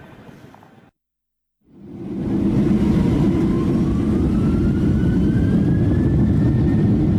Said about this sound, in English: We're on the plane again, a less bumpy flight,